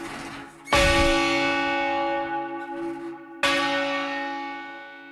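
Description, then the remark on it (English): A heavy church bell, one of the heaviest bells in Canada hung for change ringing, strikes twice. Each deep, rich clang rings out with a long shimmering hum that slowly fades, the second stroke landing just as the first is still sounding. “So these are the heaviest bells in Canada hung for change ringing, and the second heaviest bells in North America hung for change ringing.”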